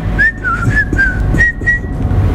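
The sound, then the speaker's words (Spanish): A boy whistles at an old woman to tease her, a quick series of short, bright, wavering notes like a catcall, with a low rumble of background noise underneath and no talking. “O bien uno le pegaba el silbido.”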